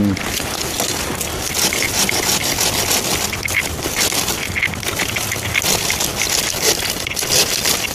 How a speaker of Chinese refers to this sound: 这个就枯死了，枯死我们就把它手就给它截掉去，对了。 这个还得咱们日常来修理。 对对对对，我们就是碰上以后就随便工具也带着了噻。我们 就这个是个锯子。